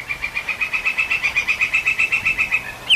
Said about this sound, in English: The distinct call of a woodpecker carries through the forest. It's not drilling or pecking. It's calling to its mate.